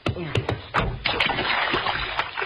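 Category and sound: household object, water splashing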